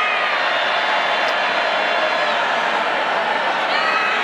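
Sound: crowd booing a speaker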